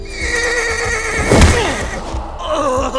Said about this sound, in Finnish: Kesällä 1087 Wilhelmin hevonen pelästyi todennäköisesti palavasta rakennuksesta sinkoutunutta kipinää.